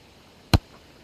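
A single sharp, percussive smack of a golf ball being struck off the tee toward the fairway, recorded with a microphone at the ball, brief and loud, followed by a faint trailing rattle, with near silence before and after and no voices.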